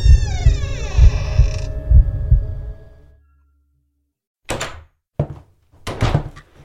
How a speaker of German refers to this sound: Das rostige Quietschen erschien mir lauter zu sein als das Pulsieren meines Blutes, das mir durch die Ohren rauschte. Und mit einem lauten Knarren öffnete sich die Tür nach innen.